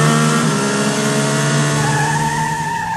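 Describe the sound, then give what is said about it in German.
A car engine revs and accelerates steadily, its tone climbing and loud throughout, with no speech over it, as the driver presses the gas to try to overtake a truck convoy on a country road in the Sauerland, Germany. “Es wird aufs Gas gedrückt.”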